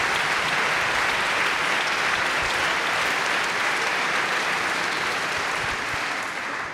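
Steady applause from a philharmonic orchestra's audience for its orchestra manager fills the space, dense and continuous clapping at a fairly loud level with no voices over it, tapering only slightly at the very end.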